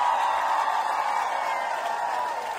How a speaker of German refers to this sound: Da gibt's noch den Applaus.